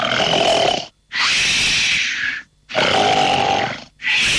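Loud, rough snoring played as snoring sample number three, in steady back-to-back breaths, alternating a deeper rattling snore with a harsher, hissy intake, each separated by a brief silent pause. No one speaks.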